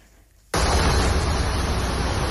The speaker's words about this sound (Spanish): Durante la tarde, los bomberos de Cataluña han atendido a más de 200 incidencias por estas lluvias que están escuchando.